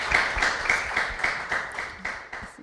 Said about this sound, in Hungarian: Hát nagyon szépen köszönjük a tanúságtételedet, és egy tapssal köszönjük meg.